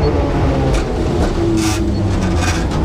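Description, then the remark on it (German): A tram rattles along a fairly busy street, the Ostertor Steinweg in Bremen, Germany: a steady loud rumble with clanking and brief hissing bursts as it passes, no voices. “Wir hören ab und zu die Straßenbahn rattern”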